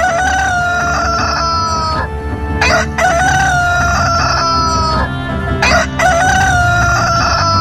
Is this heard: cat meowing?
no